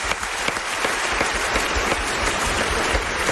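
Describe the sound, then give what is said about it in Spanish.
A crowd breaks into sustained, dense applause, many hands clapping steadily at an even loudness from start to finish with no voices standing out. “Bueno, pues un aplauso para este nuevo amigo que acabamos de hacer, por favor.”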